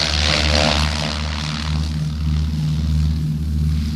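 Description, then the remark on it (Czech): A propeller airplane engine roars steadily as the airplane takes off, its deep droning hum holding strong and even throughout with a faint rhythmic pulsing, no voices present. “A teď vám ukáží, jak se naše letadlo umí pěkně lehonce proplétat mezi větvemi vrb a olší.”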